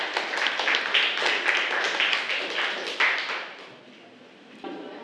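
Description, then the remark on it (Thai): A group claps steadily for about three and a half seconds, a dense crackle of many hands, applauding group 1 of a class after their essay-rearranging activity, then the applause fades out, leaving a brief faint clap near the end. “ค่ะถูกต้องนะคะขอเสียงปรบมือให้กับเรียงใหม่ไปด้วยกันกลุ่มที่1ด้วยค่ะ”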